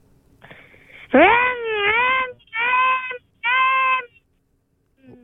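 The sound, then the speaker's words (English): A voice imitates a Chevy car engine revving: a soft buzzy lead-in, then three loud, high, whining bursts, the first swooping upward, the next two steadier, followed by a brief faint tail. “Mate, we've been dying to hear your rev noise.”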